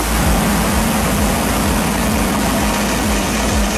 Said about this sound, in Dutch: En zo klonk die lancering.